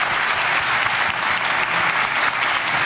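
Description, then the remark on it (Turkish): Sustained applause in the hall of President Recep Tayyip Erdoğan's press conference after the NATO Leaders Summit, for his witty answers to journalists, a dense, steady wash of clapping that stays loud and even throughout with no pauses or voices standing out. “Başkan Recep Tayyip Erdoğan NATO Liderler Zirvesi sonrası düzenlediği basın toplantısında gazetecilerin sorularına verdiği esprili yanıtlarla salonda uzun süre alkışlandı.”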